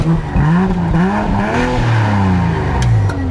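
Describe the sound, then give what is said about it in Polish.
A powerful 381-horsepower, four-wheel-drive police car engine revs hard in sport mode, its pitch climbing and falling through several throttle bursts in a steady, loud roar with no talking. “381 koni, napęd na 4, mocny samochód.”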